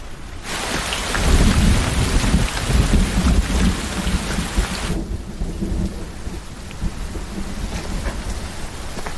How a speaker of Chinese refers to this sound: 跑什么跑啊，没看见下雨吗？